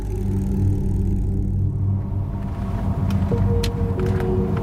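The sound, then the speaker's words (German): Steady low engine rumble of a car heard from the back seat inside the cabin while driving along the Seine in Paris, a continuous droning hum with faint road noise and a few brief higher clicks or squeaks, no talking. “Mit dem Mind Recorder im Gepäck sitze ich gemütlich auf der Rückbank des Autos und schaue hinaus.”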